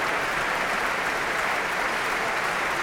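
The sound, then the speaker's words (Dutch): Sustained, dense applause from a large audience in the Grote Zaal of the Concertgebouw in Amsterdam, after Manuel de Falla's El Amor Brujo played by the Orquesta Sinfónica de Castilla y León under Thierry Fischer; steady and loud throughout with no speech over it. “Heerlijk groot applaus hier in de grote zaal van het Concertgebouw in Amsterdam.”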